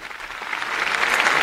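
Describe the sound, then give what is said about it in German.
A large crowd at a papal Mass at the harbour of Santa Cruz on Tenerife applauds in agreement with the Pope's invitation, a dense wash of many hands clapping that swells steadily louder over a second and a half, with no voices standing out. “Diese Einladung des Papstes stimmt das versammelte Volk Gottes mit Applaus zu.”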